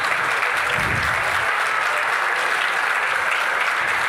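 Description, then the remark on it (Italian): Sustained applause from an audience for the new secretary of the Democratic Party in Genoa, a steady dense patter of many hands clapping at an even loudness for the whole stretch, with no talking over it. “Io vorrei partire con un grande applauso per il neo segretario del Partito Democratico Genovese”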